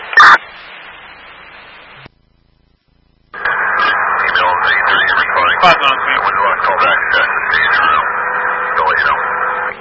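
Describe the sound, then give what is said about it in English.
A fire dispatch alarm from Wilbraham Fire Headquarters comes over a radio: a sharp click and static hiss, a brief silence, then a loud, continuous warbling alert tone that wavers in pitch for several seconds. “alarm from Wilbraham Fire Headquarters.”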